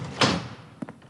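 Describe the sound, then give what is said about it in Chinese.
A door swings open with a broad whoosh and rattle, followed a moment later by a couple of quieter clunks and thuds as it settles, with no knock beforehand. “怎么不敲门啊？”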